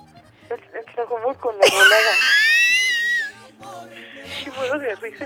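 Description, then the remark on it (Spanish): A woman caller from Tlajomulco lets out a loud, high-pitched scream over a phone line during a call to radio station La Que Buena 97.1, lasting about a second and a half, with brief talk just before it and more talking right after. “¿Y cómo se supone que gritas en Tlajomulco?”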